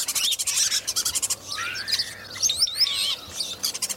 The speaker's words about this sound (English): They can do all kinds of things. You know, human whistles, all kinds of bird calls, sirens, horns. I mean, you can almost hear anything from a starling if you listen. Usually lots of squeaks and things like that, but they're quite fantastic vocally.